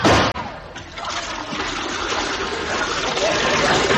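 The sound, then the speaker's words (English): A sharp snap is followed by a steady, hissing spray of water squirting out from a punctured water pistol, loud, gushing without pause for several seconds. “You punctured my water pistol.”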